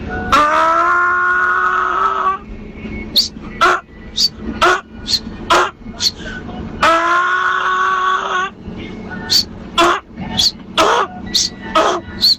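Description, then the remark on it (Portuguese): A man's voice, a caller to a radio show who says he is from the north, imitates a donkey braying: two long, strained, droning cries, each followed by a quick run of harsh, wheezing honks in a see-saw rhythm. “Rapaz, eu vou imitar aí um jumento que eu sou lá do norte.”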